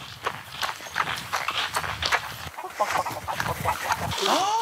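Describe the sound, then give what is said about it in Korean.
Chicken clucking in short, choppy bursts mixed with a steady patter of footsteps, ending in a higher, drawn-out cry; busy throughout, at a corn field. “닭 있어요? 네. 뭐야? 닭이야?”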